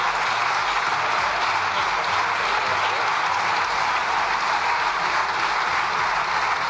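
Loud, sustained applause from deputies in the Spanish Cortes, a dense wash of overlapping claps that stays steady and unbroken for several seconds with no speech, part of a one-minute ovation given to the president by his own side.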